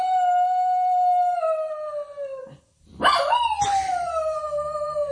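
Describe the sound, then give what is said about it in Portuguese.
A female dog named Kika howls in two long, drawn-out wails, each sliding slowly downward in pitch, separated by a brief pause, as the fish van passes. The howling is loud, with no one talking. “A Kika, a cadela da Nélia, diz quando passa a carrinha, deixa-me ver, do peixe.”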